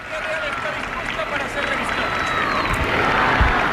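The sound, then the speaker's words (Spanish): A dense, continuous wash of crowd noise, applause, scattered cheers and shouts of 'viva' from a large outdoor audience at a ceremony of military honours for the king, steady and fairly loud throughout with a busy roar underneath. “y bueno, pues es lo que lo que estamos viendo en estos momentos, y los aplausos del público y los vivas, los vivas, sí, ¿eh?”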